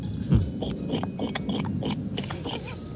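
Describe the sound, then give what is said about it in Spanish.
A caller to a radio show imitates a pig with a run of rough, low snorting grunts. The sound is continuous and noisy, with one heavier snort near the start and crackly bursts throughout. “Bueno, pues yo sé imitar a la gallina y al cerdo. Ah, pues empecemos por el cerdo, ¿por qué no?”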